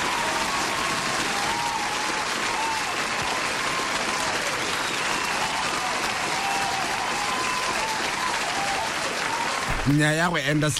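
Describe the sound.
A dense, steady round of audience applause fills nearly eleven seconds, loud and close, with a few cheers mixed in; a voice cuts in right at the end as the clapping fades.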